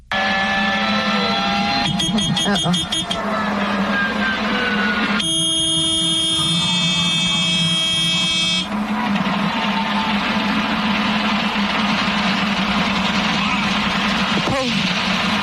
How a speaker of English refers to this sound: That was so heartbreaking to even listen to. Absolutely heartbreaking because you hear the engine failing in the background. You hear the alarms going off.